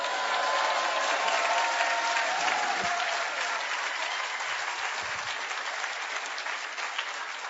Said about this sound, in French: Frères et sœurs, que Dieu soit béni, il y en a 15 qui applaudissent. Merci Seigneur, c'est un réveil.